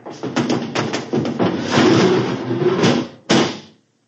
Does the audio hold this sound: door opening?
yes